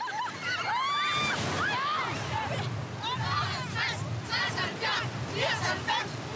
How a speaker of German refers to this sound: Das Ziel ist es, richtig mit Wellen, Wind und Wetter umzugehen. Es ist wieder mal super. So lernen wir das echte dänische Meer kennen.